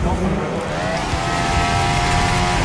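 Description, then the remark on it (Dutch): Seven racing cars roar around a track, their engines holding a high, steady whine that climbs briefly before leveling off, loud and continuous, with a voice faintly audible underneath. “Want ze hebben op dit moment 2, 3, 4, 5, 6, 7 auto's op de baan.”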